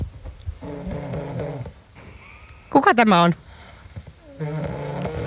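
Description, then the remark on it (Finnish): A single loud, rasping snore from a sleeping person bursts out for about half a second, with people talking just before and after it. “Siis poistakaa mut, koska siis mä en suostu siihen, että mä en ole niinku hyväksynyt sitä faktaa, että mä voin esimerkiksi kuorsata.”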